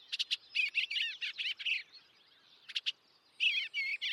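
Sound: songbirds chirping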